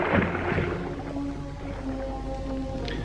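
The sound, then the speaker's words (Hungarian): A short gritty crunch of feet on gravelly sand, then a boat being lifted and slid into the water, its hull dragging with a long, low groaning scrape that goes on steadily, with no voices. “Csikorog a talpuk alatt a kavicsos homok. Megemelik a csónakot. Belecsúsztatják a vízbe.”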